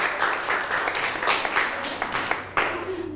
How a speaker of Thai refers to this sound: นั่งลงครับปรบมือให้กับเพื่อนหน่อยครับ